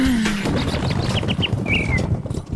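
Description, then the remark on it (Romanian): A few quick, high chirps from a small bird, then a short rising-and-falling whistle, heard over a steady rumbling background of outdoor noise. “Măi, păsărică, n-ai și tu altă treabă azi?”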